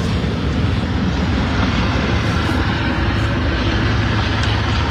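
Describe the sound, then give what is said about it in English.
A helicopter roars steadily overhead, loud, its low rotor thrum pulsing beneath a broad engine wash that holds for the whole stretch with no one talking. “I'm just going to wait for that. They wait for the helicopter to go by.”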